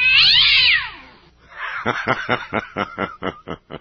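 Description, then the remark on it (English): A cat in great distress lets out a loud, shrill, drawn-out yowl, then breaks into a rapid run of about ten pulsing, stuttering cries that fade slightly toward the end. No voices. “I really suspect a tail being crunched or something.”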